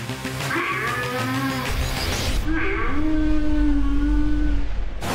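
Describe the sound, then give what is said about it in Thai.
A very large water buffalo, valued at nearly 70 million and the most expensive in Thailand, lows twice, loud: two long, deep, drawn-out calls separated by a short pause, with a steady low rumble underneath the second call. “ในที่สุดเราก็จะเห็นควาย70ล้านแล้วครับโอ้โหต ื่ นเต้นตื่นเต้นจริงๆนะเนี่ย คือมันตัวใหญ่มากอ่ะ”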